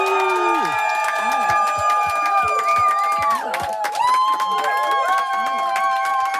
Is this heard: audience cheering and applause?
yes